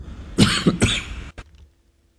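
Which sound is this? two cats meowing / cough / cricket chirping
cough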